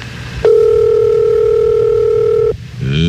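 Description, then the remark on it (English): A telephone ringback tone sounds on an outgoing call placed by radio host the Grease Man to a listener's home: one steady, fairly loud electronic burst lasting about two seconds, then it cuts off abruptly over faint line hiss. “Come on, Mama. Put down them mellow maws and get that phone.”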